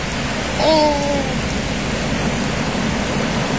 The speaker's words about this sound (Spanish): Llueve en Victoria.